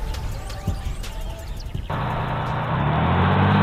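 A bus's engine roars to life partway through and keeps rumbling steadily with a broad, hissy drone as the bus drives away, following a few scattered street clatters and knocks at the start.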